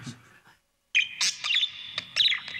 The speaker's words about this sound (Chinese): 哎呀，你看看这只进宫来的白鹦鹉，通了人性了。